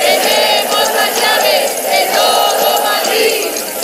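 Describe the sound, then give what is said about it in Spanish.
A crowd of protesters at a housing march shakes keys, a dense, bright metallic jingling that rattles on without pause, while voices chant slogans against vulture funds, the central government and the administrations of Isabel Díaz Ayuso and José Luis Martínez Almeida underneath, loud and steady throughout. “Es el sonido de las llaves que los manifestantes agitaban a la vez que coreaban consignas contra los fondos buitre, el Gobierno Central y los ejecutivos de Isabel Díaz Ayuso y José Luis Martínez Almeida.”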